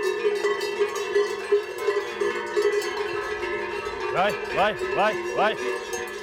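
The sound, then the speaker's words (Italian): Cowbells from a collection of bells ring with a steady, overlapping metallic clatter, then four evenly spaced, swelling clangs sound near the end as a bell is swung back and forth. No one speaks. “Qua è tutta la mia collezione di campane, una parte.”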